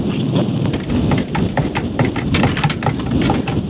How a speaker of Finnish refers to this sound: Nyt laitetaan pompottelut menemään ja täytyy sanoa, että tässä pompottelussa saattaa tulla enemmän laatikoääniä, mutta katsotaan, kun itse esineestä.